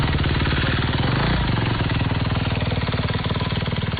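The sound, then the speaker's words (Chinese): A motorcycle engine runs loud the whole time, a steady rapid putter with a rough, rattling edge and no voices, as a motorcyclist carries disaster relief supplies such as medicine along a road. “同样在这条路上蚂蚁搬家的，还有用背包背篓帮忙运送救灾物资的徒步和摩托车爱好者。”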